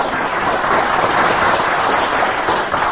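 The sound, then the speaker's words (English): An audience claps steadily for the full three seconds, a dense, even wash of many hands at a constant loud level, with no voices over it and a slightly muffled, dull tone. “There they are, the same moonshine is applauding.”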